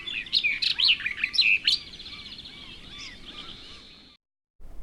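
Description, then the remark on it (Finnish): A barred warbler sings a fast, scratchy burst of chattering, high-pitched notes with sharp chirps in the first two seconds, then a softer buzzing trill that stops abruptly. “Syyskuussa lintuharrastajat koluvat toivorikkaina seljapensaita, josko viimeisten kerttujen joukossa olisi yksi kirjokerttukin.”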